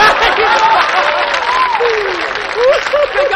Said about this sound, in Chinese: 你挑动大伙给我拍巴掌， 鼓励鼓励你。